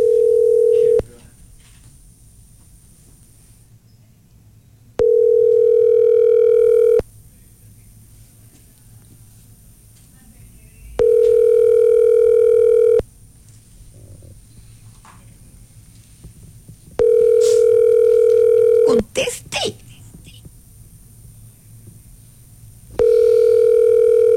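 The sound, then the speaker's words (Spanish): A telephone line rings back during a call being transferred to Movistar, with steady, mid-pitched electronic tone bursts, each about two seconds long, repeating five times with roughly four-second pauses filled by faint background noise. “Llamada transferida a Movistar. Ahí va.”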